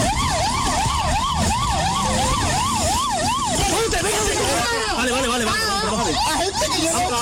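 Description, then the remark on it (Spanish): Police sirens wail loudly in fast rising-and-falling sweeps, then several sirens overlap and tangle together, with a rumbling street commotion and indistinct shouting voices underneath, as police arrest a driver in Torreblanca after a roughly 20-minute chase through city streets. “Durante su vida chocó con varios coches de la policía y escapó a pie, siendo finalmente, como están escuchando, detenido en Torreblanca.”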